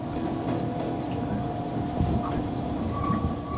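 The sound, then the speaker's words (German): A steady, loud rumble of a passenger train in Japan rolling along rails, with dense low-frequency clatter, a faint metallic squeal and occasional bumps. “Die Züge sind pünktlich und so saubere Waggons wie in Japan habe ich bisher in keinem anderen Land gesehen.”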